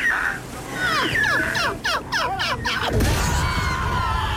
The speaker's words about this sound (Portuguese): Eu avisei, vai tudo pelos ares. É gaivotas, é banhistas, é homens dos lados, é tudo.